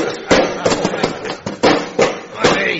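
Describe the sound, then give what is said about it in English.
Knights in armour give their king hearty claps on the back with gauntleted hands: about seven heavy, clanking metallic slaps in an uneven rhythm, each sharp and loud, with voices murmuring underneath. “Fellow knights, let us salute our most puissant king with hearty claps on the back.”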